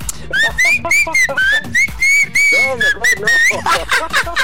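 A person whistles a melody, the tune rising and falling in steady, connected phrases, fairly loud, with faint voice-like sounds underneath.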